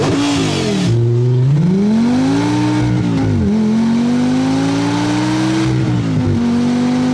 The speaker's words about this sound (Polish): I to jest silnik Audi R8. 5,2 litry. Za porównanie to przeciętny samochód ma tam 1 do 2 litra pojemności, a to ma 5,2 litry. Posłuchajmy.